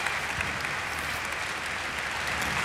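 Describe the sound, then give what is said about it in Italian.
Sustained applause from a large concert audience for the standing orchestra with Riccardo Chailly and Hayato Sumini, a dense, steady wash of clapping at an even loudness throughout, with no voices standing out above it. “Come senti, Riccardo, un grande calore, un grande applauso.”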